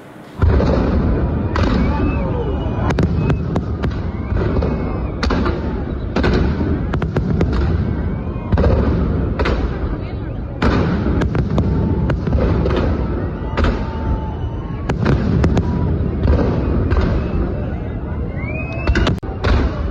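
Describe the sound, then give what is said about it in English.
A huge, dense, continuous fireworks display over the Bengaluru skyline in Karnataka, India, ending a day of celebrations, with rapid booms and sharp crackling bursts overlapping, loud and sustained, with a hubbub of crowd voices mixed underneath. “This is a huge display of fireworks, ending the celebrations on a dazzling note.”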